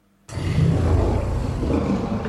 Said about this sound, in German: Das klingt nicht gut. Da hat jemand, glaube ich, Hunger, oder? Das ist ein T-Rex, ein Tyrannosaurus Rex.